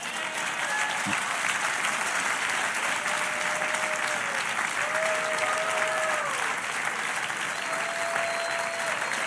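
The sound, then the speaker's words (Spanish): A crowd claps steadily and loudly for several seconds, a dense, continuous wash of applause with no pauses, given by an audience answering a preacher's call for seven applauses. “Dele usted ahora 7 aplausos ahí.”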